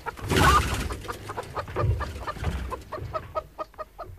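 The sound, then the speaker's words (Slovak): Hens cluck, opening with a loud flustered squawk and settling into a steady run of short, rhythmic clucks that grow quieter toward the end. “Pokiaľ nebude mať každé vajce právo stať sa sliepkou, nebudú vôbec nejaké vajcia.”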